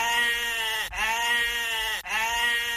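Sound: goat bleating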